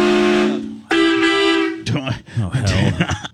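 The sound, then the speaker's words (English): A car horn gives two long, steady honks back to back, each lasting nearly a second, before voices start talking over the end. “It almost sounds like a taxi cab.”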